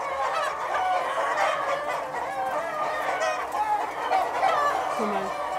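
A flock of laying hens clucks and murmurs continuously, many overlapping mid-pitched calls forming a steady, busy chorus with no clear pauses.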